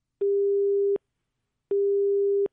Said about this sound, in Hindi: जी, phone line जो है फिर से एक बार कट चुकी है।